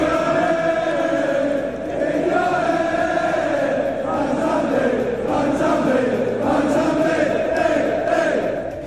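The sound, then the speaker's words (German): A large crowd of Aston Villa football fans sings a chant celebrating player Mansambi, a loud, sustained wall of voices with a steady melodic rise and fall that continues unbroken throughout. “Dort feiert jetzt der Nazi-Spieler sogar mit einem Lied.”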